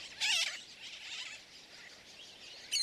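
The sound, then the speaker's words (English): A dense chorus of shrill, overlapping calls from a colony of black and white terns nesting on a tiny island off Florida, with loud harsh cries bursting out at the start and again at the end over a constant clamor. “The colony resounds with their calls.”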